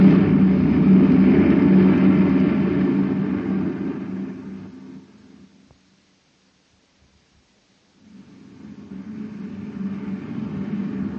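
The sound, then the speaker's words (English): A truck engine roars loudly and steadily as it accelerates, then fades away into a couple of seconds of silence before the engine rumble builds back up again. “They're blinking their lights to pass. By the way they're closing in, they must be in a hurry.”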